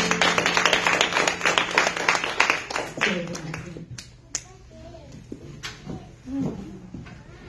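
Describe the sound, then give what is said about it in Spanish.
An audience at a Sunday church service breaks into a burst of loud, dense applause that fades after about three seconds, leaving scattered claps and murmuring voices behind it. “Bien, un fuerte aplauso.”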